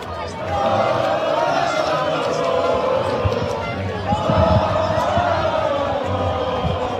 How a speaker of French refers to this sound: des cris de joie et des concerts de klaxons sont signalés. Bon, on l'entend en fait, hein, c'est la même chose sur la plage barcelonaise.